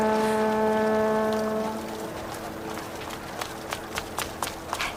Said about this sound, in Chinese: 报告，你看，江上来了好几船人。